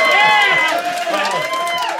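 An audience at a Saturday late comedy show erupts in loud, sustained cheering and high-pitched screaming, overlapping voices whooping and yelling together for the full two seconds with no pauses, answering a call to make noise.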